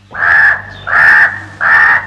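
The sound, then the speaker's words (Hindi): A crow caws three times in a steady rhythm, each call harsh, raspy and loud, with nothing else heard between the calls. “मैं हूँ काला कौवा, मैं हूँ काला कौवा, दूर दूर तक उड़कर जाता, सारी खबरें लेकर आता, काव काव कर गाना गाता, सबके मन को”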